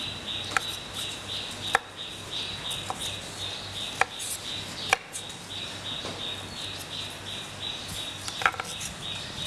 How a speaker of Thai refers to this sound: ก็ลวกเช่นเดียวกันนะคะต้มน้ำลวกให้สุกนะคะก็หั่นชิ้นพอคำนะคะ